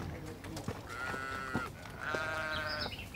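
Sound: sheep bleating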